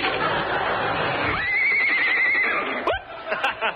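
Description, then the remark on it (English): A horse lets out a loud whinny, a long wavering high cry that rises, holds, then drops into a short snorting finish, with light background noise throughout. “How do we know this horse won't bounce?”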